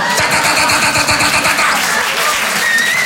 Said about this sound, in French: Et au bout d'un moment, il y a un mec près des lavabos qui déclenche le souffleur à main. Ça, c'est le signal, les gars.